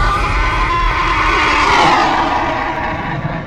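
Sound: horse neighing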